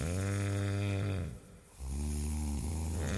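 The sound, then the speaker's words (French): Loud, deep snoring from a sleeping man: a long rumbling inhale, a brief quieter pause, then another heavy rasping snore. No one speaks. “L'instant d'après, il dormait à point fermé. Chut, écoutez, les gros tracteurs Renault arrivent.”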